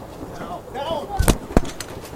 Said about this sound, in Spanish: y estaban entregando un reporte cuando comienza esta balacera. Ahí precisamente esta dama se esconde, se tiran todos al suelo, todo el equipo de televisión se tira al suelo cuando comienzan a escuchar esta gran cantidad de balazos.